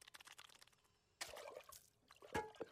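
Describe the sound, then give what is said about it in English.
Water is poured into a glass with a brief splashing rush, followed by a short pause and a couple of quiet gulping sips. “I'm thirsty. Drink water.”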